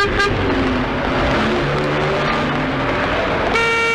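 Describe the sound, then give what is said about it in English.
Dense, steady roar of road traffic with vehicles rumbling past, a short horn toot near the start and a longer honk breaking in at the end. “No rest from danger, though, because all around us is that deadly daily danger, traffic.”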